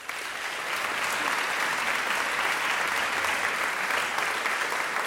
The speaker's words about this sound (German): einen ganz, ganz großen Applaus für Dr. Katharina Wesselmann.